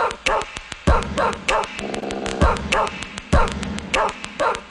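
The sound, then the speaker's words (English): A dog barks repeatedly in quick, loud bursts, with short sharp yips spread across the whole stretch and no talking. “Can we still bark? Yeah, of course. Let's do it.”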